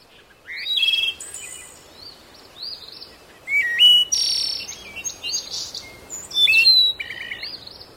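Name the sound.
birds singing outdoors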